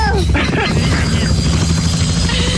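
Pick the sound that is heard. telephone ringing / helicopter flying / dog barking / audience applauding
helicopter flying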